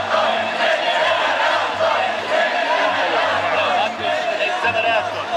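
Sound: crowd reacting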